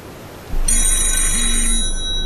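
A telephone rings with a bright, buzzing electronic tone that starts abruptly and holds steady for over a second, fairly loud, over a low background hum. No one speaks.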